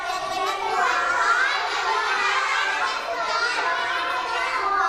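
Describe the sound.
Children in a lesson shout their answers about their dream jobs all at once, a loud, dense jumble of overlapping young voices that stays steady for several seconds.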